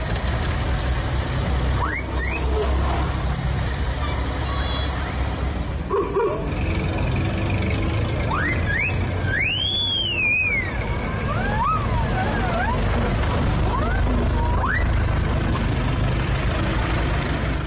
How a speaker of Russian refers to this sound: Из этих машин столетней, более чем столетней давности, пробки на улицах. Да-да-да, невероятно. Давайте секунду буквально послушаем.